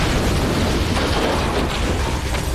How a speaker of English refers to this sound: A Soviet surface-to-air missile had struck. The plane disintegrated, sending Powers into a violent spin toward the Earth.